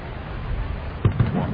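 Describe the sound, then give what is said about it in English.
Two dull, distant booms land in quick succession over a steady low background rumble, like faraway fireworks or cannon fire. “It sounded like fireworks off the distance. I think a Civil War reenactment. Ooh, cannons?”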